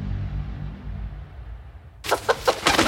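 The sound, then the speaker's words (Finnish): A low rumbling hum gives way to a rooster crowing loudly, its raspy call broken into several quick, strident bursts in the final second. “Jaha, kukko saapuu paikalle.”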